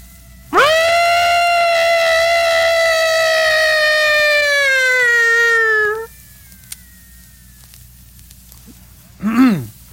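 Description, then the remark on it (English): A voice imitates an elephant's trumpeting cry: one loud, brassy, sustained blare lasting about five seconds, its pitch sagging slightly, followed later by a brief wavering squeal. “Now to have an elephant cry.”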